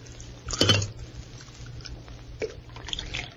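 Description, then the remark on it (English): A short clatter of a cup, then a soft, faint trickle of coffee being poured by Alpha, a machine built with silver wire and electric motors, with a few light drips and clinks over a steady low hum. No one speaks. “Alpha poured coffee.”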